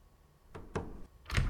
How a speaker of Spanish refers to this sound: Ahí está cerrada la puerta, que no hay nadie.